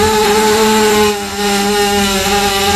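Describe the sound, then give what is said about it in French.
A horse burps in one long, loud, droning rumble with a steady buzzing tone that sounds almost like a revving motor engine. It dips briefly midway and then carries on. No one speaks. “Je vous ai fait jouer tout à l'heure avec ce son qui m'avait fait rire, le son du route de cheval.”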